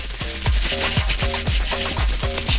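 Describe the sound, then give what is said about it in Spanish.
A rattlesnake's rattle: a steady, dry, hissing buzz that fills the whole clip, overlaid by a repeating pattern of short pitched chirps about twice per second. No one speaks. “Una serpiente cascabel aquí.”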